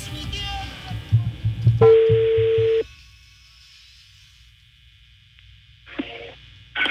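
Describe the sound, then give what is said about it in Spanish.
A telephone line ringing after a number is dialed again: one steady, buzzing ring tone lasting about a second, then a quiet line and brief bursts of noise. A voice murmurs faintly at the start. “A ver, estoy marcando otra vez. Otra vez estoy marcando.”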